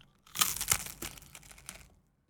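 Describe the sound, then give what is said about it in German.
Dry crispbread being eaten in the Radio Neandertal studio crackles and crunches in a quick run of sharp, brittle snaps, loudest at first and then thinning out into a few scattered crinkles, with no talking over it. “Hörst du es auch, dieses Knistern hier im Studio?”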